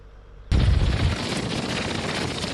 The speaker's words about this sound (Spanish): Es el sonido de un tornado en el departamento francés de Oza, al sureste del país. La región se ha visto afectada esta tarde por una tormenta eléctrica que ha generado tornados como este, que ha causado daños en varias viviendas.